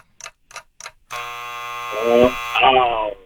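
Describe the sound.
Three short, quick pulses, then a loud, harsh quiz buzzer drones steadily for about a second and a half while voices start talking over its final stretch and continue after it stops.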